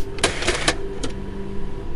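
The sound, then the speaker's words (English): A Kodak slide projector advances with a few quick mechanical clacks and clunks over the steady hum of its cooling fan, with no talking. “It is a slide projector by Kodak.”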